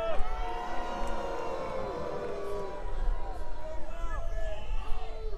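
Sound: audience booing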